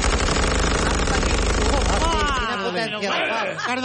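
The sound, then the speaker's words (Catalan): Soldiers in an ambush at a riverbank open fire with powerful machine guns: loud, rapid fire rattles in a dense, continuous burst for about two seconds, then cuts off as agitated voices cry and shout over a lingering low rumble. “Els soldats obren foc sense pietat amb unes metralladores amb gran potència de foc.”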